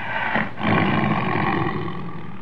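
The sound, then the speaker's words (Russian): A caged lion roars late at night, heard from beyond the hills, in a deep, rough, sustained bellow, more gloomy than fierce, broken only by a short catch near the start before surging back loud and steady. “Иногда поздно ночью, когда город погружался в сон, я слышал его рев, доносившийся из-за холмов.”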